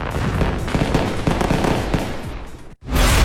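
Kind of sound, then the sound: sound effect, fireworks exploding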